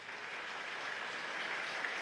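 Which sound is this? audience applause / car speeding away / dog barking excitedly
audience applause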